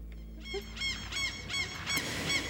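gulls calling

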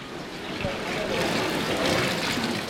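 indoor swimming pool ambience

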